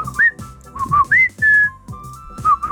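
A person whistles a signal call used to call their partner: a short melodic phrase of rising and falling notes, some held and some quick slides, repeated a few times with no talking.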